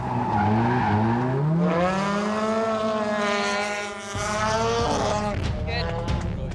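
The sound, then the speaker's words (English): A race car driven at speed around a race track during qualifying roars at high revs, its pitch climbing and falling through gear changes, with a brief dip midway and faint tire squeal, loud and steady throughout. “Just dialing in the line, getting used to the car.”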